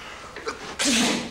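A single loud sneeze: a brief faint intake of breath, then a sudden explosive burst of breathy noise with a voiced tone that fades out over about half a second.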